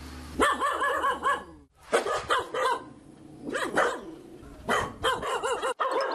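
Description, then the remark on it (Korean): Six dogs, one of them called Seori, bark loudly and insistently in overlapping bursts at a home in a quiet country village, with high yips mixed among deeper barks and brief pauses between volleys. “대문 밖에서 작은 인기척만 들려도 여섯 마리가 동시에 짖어대는 통에 조용할 틈이 없답니다.”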